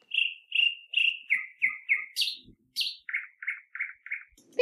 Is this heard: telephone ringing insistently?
no